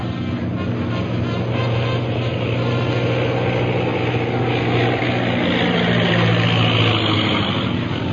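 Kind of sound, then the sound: vehicle, low-flying airplane passing overhead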